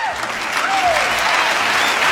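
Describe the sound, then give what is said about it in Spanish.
A large crowd applauds in a dense, sustained roar of clapping, steady and loud throughout, with faint whistles rising above the wash of hands. “Pero hay una ovación masiva, ¿no?”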